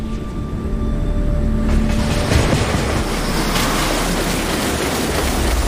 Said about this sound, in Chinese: 桥体下方，龙厦赣龙铁路列车每日以数百班次的频率呼啸而过，每一秒的通车过程都必须保证绝对安全，没有任何容错的空间。